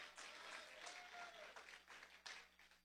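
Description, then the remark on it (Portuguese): An audience at a religious service claps for Jesus continuously, a dense wash of many hands at steady loudness for a few seconds, with a faint voice underneath. “Aleluia, pode bater as palmas para Jesus.”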